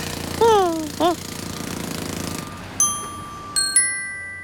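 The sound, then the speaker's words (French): Jackhammers dig into the ground in rapid, steady bursts for about two seconds, joined by a couple of swooping tonal calls, then give way to clear, ringing bell-like chimes. “Ce sont les marteaux-piqueurs qui creusent le sol, qui te donnent l'impression que la terre tremble.”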